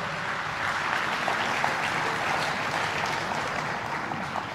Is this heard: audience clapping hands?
yes